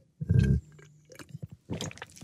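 Wet mouth sounds of someone taking a sip: a short gulping swallow, a few soft lip and tongue clicks, then another slurpy burst, with no talking.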